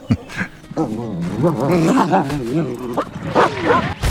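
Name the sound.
dog barking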